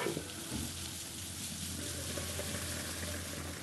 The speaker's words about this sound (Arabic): بنحط قطعة الستيك بدون أي صوص وعلى نار هادية، بنغطيها 3 دقائق.